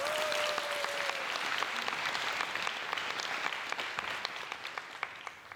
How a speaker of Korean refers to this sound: 큰 박수로 청해 듣겠습니다.